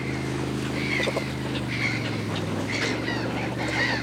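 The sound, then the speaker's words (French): Seagulls call repeatedly in shrill, wavering cries over the steady low drone of a fishing boat's motor as it returns to port full of fish, the birds overlapping one another. “Ce sont des mouettes.”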